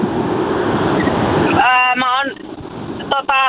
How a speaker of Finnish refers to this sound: Pistäpä formula-autos vähän hiljemmalle, niin ei kohise niin paljon. Oot sä tienposkessa?